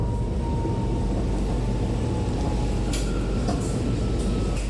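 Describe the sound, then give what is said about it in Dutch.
A metro train heading toward Centraal Station rumbles steadily between stations, a dense low roar with a faint whining tone on top and a few brief rattles and squeals near the end. No one speaks. “Deze metro gaat richting Centraal Station.”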